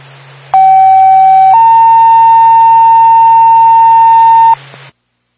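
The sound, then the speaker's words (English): A loud two-tone dispatch pager alert for Twin Mountain Ambulance: a short steady tone, then a slightly higher one held for about three seconds, over a low radio hum, with no voices. “Point Six, Twin Mountain Ambulance, stand by for tone.”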